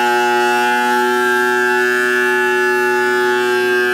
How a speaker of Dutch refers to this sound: Een hartindringend monotoon geluid. Misschien het beste te omschrijven alsof een scheepshoorn een half uur lang non-stop afgaat.